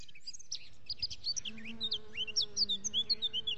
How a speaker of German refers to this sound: Die Vögel zwitschern, die Bienen summen und wir funken dazwischen.